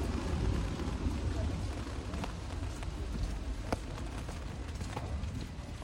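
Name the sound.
rain falling outdoors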